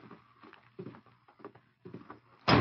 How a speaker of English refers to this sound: As Dutch swung open the door, the Lone Ranger moved fast from his position on one knee, knocking Dutch's gun arm with his left hand.